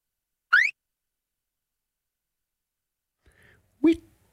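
A few short electronic beeps separated by silence: a bright, upward-sliding chirp first, then after a long pause a faint blip followed by a sharper, punchy bleep. No voices.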